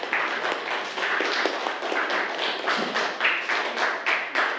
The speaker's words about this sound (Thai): ถูกต้องไหมนักเรียนถูกต้องปรบมือเลยนะครับ